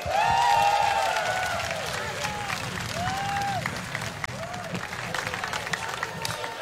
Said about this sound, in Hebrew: כפיים